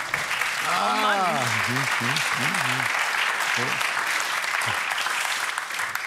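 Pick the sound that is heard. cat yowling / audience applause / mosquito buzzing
audience applause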